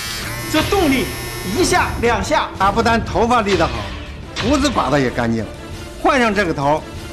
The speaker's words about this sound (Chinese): 换上这剃须刀头，这就是个高档的双面剃须刀。你听这声音啊，这动力一下两下